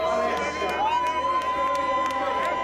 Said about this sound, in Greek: Στην παραλία της Νάπολης και στην πιάτσα Del Plebiscito, πλήθος κόσμου συγκεντρώνεται με σημαίες του Βατικανού και πανό που γράφουν «Ζήτω ο Πάπας» για να τον υποδεχτούν.